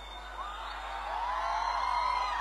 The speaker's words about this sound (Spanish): El aplauso para el Señor, que se escuche.